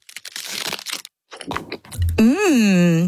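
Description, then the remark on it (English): Crisp crackling and crinkling bursts, meant as Aero peppermint chocolate bubbles melting, pause briefly, pop again, then give way to a loud, drawn-out hummed "mmm" that rises and falls in pitch. “And this... is the sound of its minty bubbles.”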